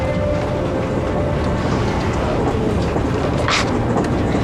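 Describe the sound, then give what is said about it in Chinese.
A train bound for Shanghai rolls along with a steady, loud rumble and rattle of wheels clacking on the rails that holds constant throughout, with no voices and a brief brighter hiss near the end. “昨天还在排堂会，今天就在火车上，像做梦一样。”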